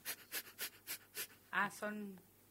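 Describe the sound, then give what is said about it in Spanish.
Rapid, forceful breaths of breath-of-fire breathing in a steady rhythm, about six sharp exhalations, followed by a short voiced sound, like a brief word or vocalization. “Las respiraciones, respiración de fuego, llegás a quemar también grasa.”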